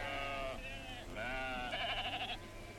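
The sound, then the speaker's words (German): Sheep bleat in a steady chorus, several overlapping wavering calls that swell and pulse with a tremulous vibrato, continuous throughout, with no one speaking. “sind die Schafe schon drin?”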